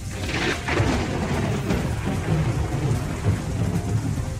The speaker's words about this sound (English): But I just remember that kind of thick, heavy, humidity kind of feeling. Thick, humid, dark storm. I do remember it just getting super dark early.